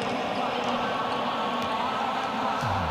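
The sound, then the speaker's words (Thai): A volleyball is spiked hard straight down by a youth national team player during a match, with a few sharp ball impacts standing out over a steady, loud crowd roar and murmuring voices. “ลูกนี้โอ้โหตบกดลงไปตรงๆเลยครับมือเยียครับ”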